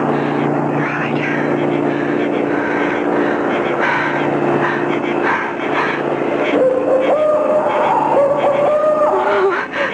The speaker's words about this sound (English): Oh, that's a car coming. I'll get a lift.